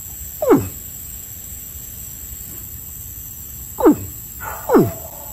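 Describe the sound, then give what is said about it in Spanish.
A caiman in Vega Baja gives three deep, guttural bellows, one early and two close together near the end, each a short downward-sweeping grunt over steady outdoor hiss with no talking. “Ay, como se le levanta esto aquí a ese tipo cuando hace ese sonido, ¿verdad?”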